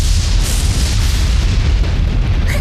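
A loud, continuous low rumble of thunder rolls steadily throughout, with broad noisy texture and no breaks, heavy in the deep bass and with no voices present.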